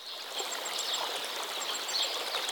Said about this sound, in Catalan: L'escena no pot complementar-se millor que amb els centenars d'oronelles per tot arreu que sobrevolen aquest horitzó vegetal amb vols fulgurants de blau metàl·lic.